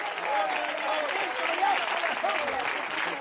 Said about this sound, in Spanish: De repente se aplausa al Cristo en la gloria.